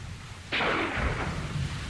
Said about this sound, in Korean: 먼 곳에서 총소리가 띄엄띄엄 울려왔다.